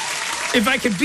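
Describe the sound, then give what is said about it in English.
A short burst of loud clapping applause fills the first half second before a voice starts talking over the fading noise. “Cool points for that kid. Round of applause.”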